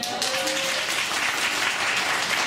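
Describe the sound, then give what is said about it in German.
An audience in Pforzheim applauds steadily in answer to a question about who suffers from winter depression, a dense wash of many hands clapping at even loudness throughout, with a brief tonal hum early on under the noise. “Wer leidet hier so ein bisschen unter Winterdepression mit dem Applaus?”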